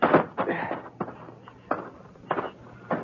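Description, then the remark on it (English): Hollow footfalls climb the wooden front steps of Seth Quincy's ranch at dusk in a handful of uneven thuds, followed by the unlocked front door being tried and opened, with no one talking. “I walked up the front steps and tried the door. It wasn't locked.”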